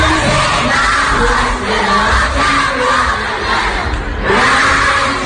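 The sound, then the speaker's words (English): A whole auditorium of elementary school children screams and shrieks nonstop for a singer, loud and chaotic, the excited high-pitched yelling swelling in waves without any clear speech. “And you know you've made it when you've actually made a whole like auditorium of elementary kids scream.”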